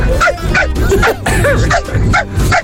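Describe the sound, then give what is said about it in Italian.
A man's voice imitates a chihuahua barking, letting out a rapid string of about eight sharp, high-pitched yaps, loud with no pause between them. “Ma è lui che fa il cane.”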